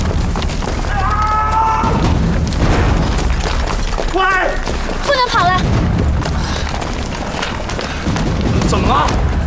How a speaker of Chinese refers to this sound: 你没听见对方的枪声远了吗？天黑路不熟，他们不敢太靠近，先把他放下来。